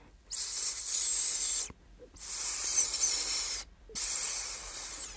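Three soft, breathy hisses, each lasting over a second, separated by brief silences, the quiet hissing of a child whispering into a sleeping boy's ear. The airy sound is bright and steady, and no voices accompany it.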